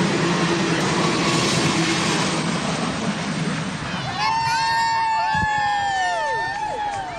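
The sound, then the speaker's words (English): A steam locomotive, Big Boy, the world's largest operating steam locomotive, rumbles past hundreds of people in Webster Groves on its coast-to-coast whistle-stop tour with a dense, churning roar, then lets out a loud, chord-like whistle whose pitch bends downward as it goes by, with faint crowd noise underneath. “It took less than a minute for Big Boy, the world's largest operating steam locomotive, to pass hundreds of people along its whistle-top tour from coast to coast.”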